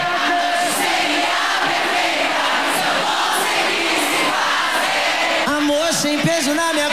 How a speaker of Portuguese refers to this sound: Levanta a mãozinha e dá um grito aí. Alô, Brasília, faz barulho